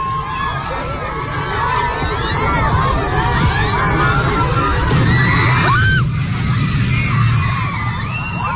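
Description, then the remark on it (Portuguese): Amid a crowd of children shouting and screaming, a shade canopy gives a sharp crack and then collapses right beside the children with a loud, rumbling crash partway through, while the yelling carries on and the children run in all directions. “Isso aí, esse estalo, seguido de um estrondo, foi esse... Essa cobertura. Essa cobertura aí pra... Enfim, pra dar sombra, que desaba.”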